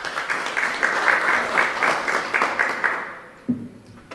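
A crowd applauds steadily at a fair ceremony, a dense wash of many hands clapping that fades toward the end as a low, steady tone comes in.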